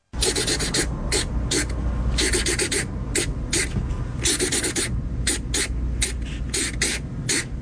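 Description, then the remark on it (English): A man scratches a marker across paper in quick, rhythmic bursts of strokes, fairly loud, with short pauses between the squeaky, scratchy sweeps. “So he's scratching and on paper song, with a marker.”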